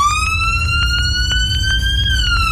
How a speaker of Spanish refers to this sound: Sí, las sirenas de la ambulancia que chocó, ¿eh?